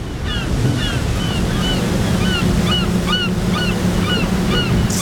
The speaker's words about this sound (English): A trawler of 116 metres. It's clearly fishing because it's bringing in its nets, surrounded by gulls.